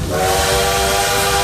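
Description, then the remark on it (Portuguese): A loud, sustained bullet-train whistle sound effect with a steady steam hiss beneath it, played on Rádio Paz FM, with no talking. “Olha o trem bala por aqui, gente.”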